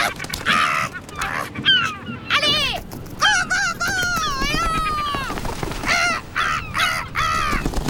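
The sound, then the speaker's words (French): Loud calls of a large gull, flying with wings spanning well over a metre, ring out in a rapid series of harsh, wailing cries, some drawn out and sweeping, with short gaps between bursts and no talking. “Ses cris sont vraiment, vraiment très sonores.”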